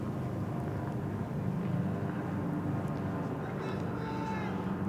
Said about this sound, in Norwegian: Hartsonov ser opp. Helikopteret kommer igjen.